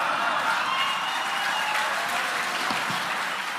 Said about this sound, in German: Das Erschreckende für mich war nicht Steimle. Das Erschreckende war das Gegröhle und Gefeixe im Publikum und das Schweigen von Ulrich Siegmund und Tino Chrupalla, die neben Steimle saßen.